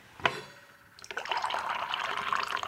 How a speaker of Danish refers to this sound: nu har du inviteret mig ind i din stue her, og tænker, nu hælder jeg lige lidt kaffe op.